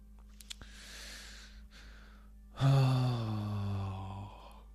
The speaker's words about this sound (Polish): Dobra, kochani, ziewam już, a jeszcze jutro mam naprawdę dużo roboty.